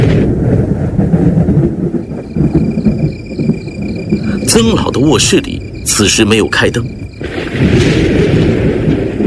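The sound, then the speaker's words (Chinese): Deep rolling thunder rumbles steadily through the whole stretch on a sultry evening, alongside chirping crickets, with a person speaking over the middle portion. “这一天晚上空气有些闷热，天上不时传来滚滚的雷声。”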